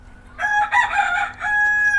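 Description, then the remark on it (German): A rooster crows once among chickens that are being fed, a loud, drawn-out cock-a-doodle-doo with a strained, harmonic tone that holds steady at the end. No one speaks. “Der Hahn kam jetzt nicht aus dem Wald.”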